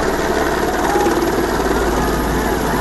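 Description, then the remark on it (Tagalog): A Philippine Air Force helicopter on heli-bucket firefighting runs, going back and forth to drop water on burning houses, drones overhead with a steady, loud rotor and engine roar, a dense rumbling throb that holds constant throughout. “Pabalik-balik ang helicopter para magbagsak ng tubig sa mga nasusunog na bahay.”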